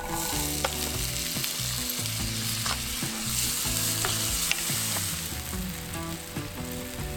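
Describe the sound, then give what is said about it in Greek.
Steady, dense sizzling of onions, garam masala and boiled chickpeas frying in extra virgin olive oil in a hot pan, with occasional sharp pops and clicks of stirring scattered through the crackle. No one speaks. “Ρίχνουμε το μείγμα γκαραμ μασάλα να βγάλει τα αρώματά του. Εδώ καίει πολύ, δεν θα χρησιμοποιήσουμε παραπάνω και ρίχνουμε τα ρεβίθια τα βρασμένα.”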